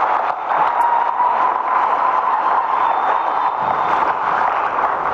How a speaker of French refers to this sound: Mesdames et messieurs, nous vous invitons à réserver une chaleureuse salve d'applaudissements à monsieur le Premier ministre et le chef de l'État.